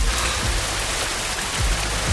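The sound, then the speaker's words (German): Steady rain pours down in Hessen onto roofs, streets, dry meadows and forests in a dense, continuous hiss, spattering on hard surfaces with a low rumble underneath. No voices, just the even wash of rainfall. “Zu Hause in Hessen heute endlich mal wieder dieses Geräusch hier auf den Dächern und auf den Straßen und auf den trockenen Wiesen und in den Wäldern. Regen. Richtig echter Regen.”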